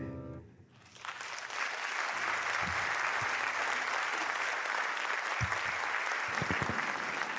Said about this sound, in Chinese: 谢谢大家满满的掌声。